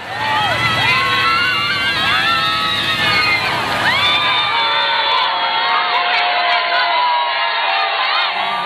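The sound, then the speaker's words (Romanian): A large crowd in Barcelona cheers the Pope with an ovation on his way to the Sagrada Familia, with many overlapping shouts and whoops rising and falling, a dense roar of excited voices that stays strong throughout. “înainte de revenirea în Barcelona, unde, în drum către Sagrada Familia, Papa a fost întâmpinat cu ovație de mulțimea de oameni dornici să-l vadă.”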